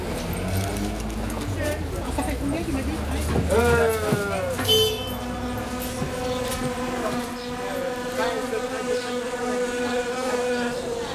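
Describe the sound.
Wasps buzz steadily in a continuous, droning hum that wavers in pitch, with indistinct voices and general outdoor bustle underneath.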